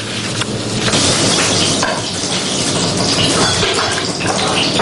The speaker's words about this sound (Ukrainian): Запашний аромат і шкварчання котлет на пательні. Таким смачним обідом зустрічають у реабілітаційному центрі розвідників 7-го корпусу швидкого реагування ДШВ.